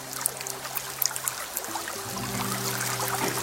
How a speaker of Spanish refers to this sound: Una fuente de agua. Quiero que veas el color del agua, la transparencia del agua y cómo esa fuente de agua viva se mueve, y te das cuenta que estás en el manantial de la montaña.